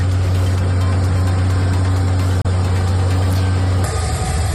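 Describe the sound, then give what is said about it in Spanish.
A loud, steady low-pitched drone of helicopters flying over the area of the port of Granadilla in southern Tenerife during an evacuation operation for the cruise ship Ondius, with a constant mechanical hum that turns rougher and more fluttering in the final second. No one speaks. “Sonido de los helicópteros que sobrevuelan la zona en un dispositivo de evacuación inédito en el que están involucradas 23 nacionalidades.”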